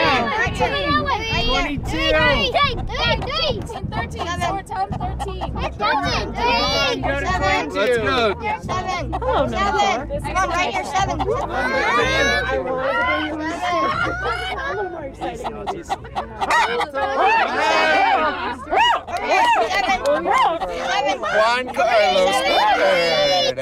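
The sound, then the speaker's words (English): A lively outdoor crowd at a chicken bingo event at the Aspen Historical Society babbles continuously, with children's excited voices and chatter rising and falling over a steady hubbub for the full stretch, staying loud throughout. “The sounds of chicken bingo at the Aspen Historical Society”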